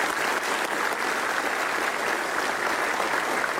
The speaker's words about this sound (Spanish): Exíndicos y exíndicas, claro, un aplauso para nuestros expresidentes.